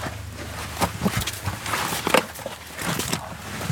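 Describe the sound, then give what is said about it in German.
Several footsteps descend a few steps into a dark underground passage, about one metre wide and 1.5 metres high, leading to a military drone team's command post in Lithuania. The pace is slow and uneven, each step a soft scuffing thud, moderately loud, with a faint background hiss. “Ein paar Schritte geht es hinunter, dann umgibt den Besucher Dunkelheit.”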